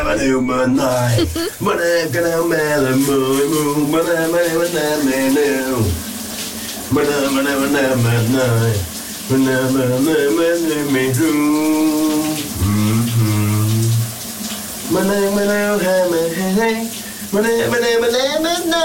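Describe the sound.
A voice sings continuously and loudly, a bit muffled, under a steady hiss of shower water spraying throughout, with phrases separated by brief pauses; a radio presenter's colleague singing a big Danish hit in the shower at home, behind the shower door.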